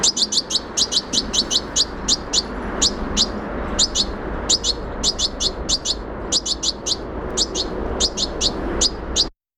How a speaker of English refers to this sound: Wow, so I love that sound. Begging calls of goldfinch, European goldfinch.